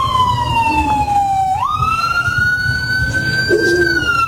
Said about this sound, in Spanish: Urge. Urge que venga una ambulancia. Ya está llegando.